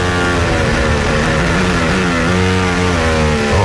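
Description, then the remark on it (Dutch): Onboard engine sound of Kimi Antonelli's Formula 1 car, loud and continuous, with a high-pitched whine whose revs dip and climb as the car shifts through gears, with no voices. “Onboordgeluid van Kimi Antonelli.”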